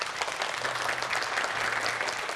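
Steady, full applause from an audience welcoming a guest, a national artist, fills the whole moment, dense clapping without pauses and no voices standing out, with a faint low hum underneath.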